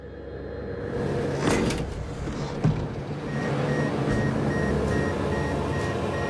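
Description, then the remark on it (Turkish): A small plane's passenger door blows open in flight at 3000 metres in very windy, cold weather, banging open with a loud rattling burst, followed by a sharp knock, over a constant roaring rush of wind and engine noise. “Sarah'ın yolcu kapısı yerinden uçtu ve açıldı.”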